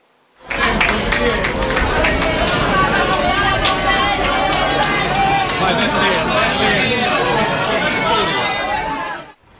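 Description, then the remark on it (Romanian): A crowd at a hospital applauds the Pope, steady dense clapping for several seconds mixed with a murmur of many voices, loud, starting abruptly and fading out near the end. “La spital, suveranul pontif a fost întâmpinat cu aplauze.”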